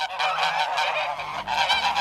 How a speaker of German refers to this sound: Es schnattert und damit sind sie unterwegs. Riesige Gänseschwärme, die Sie vielleicht auch beobachten, die über uns fliegen. Gehen Süden und sie fliegen in einer bestimmten Form.